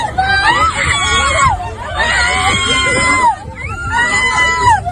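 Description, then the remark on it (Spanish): Two women scream and shriek in loud, drawn-out bursts as they fight, slapping each other with open hands, over a dense, agitated crowd hubbub; the screams rise and fall in three long waves. “Pero guantazos con la mano abierta y gritos.”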